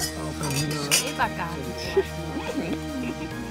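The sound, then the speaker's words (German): Glasses clink together in a toast, one bright ringing chime early on and a softer tap shortly after, with people talking underneath. “Auf den Abend. Ja, Prost.”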